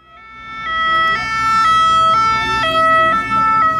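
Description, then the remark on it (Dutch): A loud two-tone police siren alternates steadily between high and low pitches near Alpe d'Huez in France, where police are closing off the road and stopping cyclists, with a faint rumble of traffic underneath. “je hoort het misschien al aan de sirenes.”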